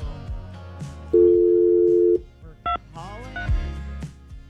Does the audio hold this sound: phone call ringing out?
yes